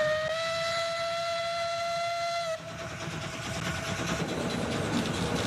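A train whistle sounds one steady, sustained blast for a couple of seconds, then cuts off, leaving the noisy rumble and clatter of a moving train. No one speaks.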